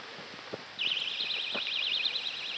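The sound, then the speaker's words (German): A Vantamo personal safety alarm, which has a siren plus a flashing light, lets out a shrill, piercing electronic siren that warbles rapidly up and down in pitch, sounding steadily after a couple of faint clicks at the start. “Vantamo funktioniert mit Sirene plus Blinklicht.”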